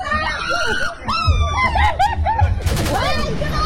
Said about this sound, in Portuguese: Por que o motivo da briga? Cara, as pessoas estão gritando.